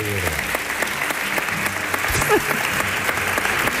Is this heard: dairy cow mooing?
no